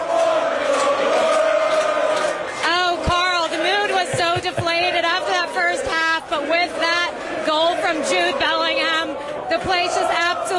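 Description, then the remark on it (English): A packed crowd of England fans at the Legends sports bar in New York City roars and cheers after a goal, a dense wall of excited shouting, whooping and overlapping voices that stays loud and sustained throughout. “Behind me, beer was flying in the air, and you can see the crowd is still just absolutely thrilled.”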